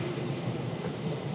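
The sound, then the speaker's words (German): A train from Interlaken rolls past in Brienz, Switzerland, with a steady, loud low rumble and broad mechanical noise that holds constant throughout; no voices are heard. “Das ist der Zug aus Interlaken.”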